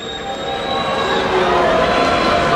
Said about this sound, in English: The crowd is booing now.